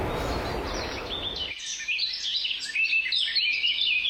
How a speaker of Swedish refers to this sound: fina vattenljud. Lite måsar och vågor. Bra skit.